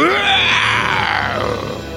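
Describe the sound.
A loud, hoarse lion roar lasting about two seconds, starting strong and slowly sliding down in pitch as it fades slightly, with no talking over it.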